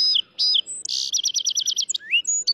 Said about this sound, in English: Learning to describe bird sounds will make it easier to figure out who's singing and to remember the voices of your favorite birds.